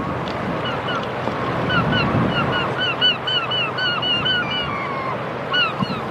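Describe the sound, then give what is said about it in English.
A flock of seagulls calls noisily, their short squawking cries overlapping in a busy chorus over a steady rush of wind and surf along the shore. “Seagulls are getting noisy, aren't they? Noisy seagulls in this coastline.”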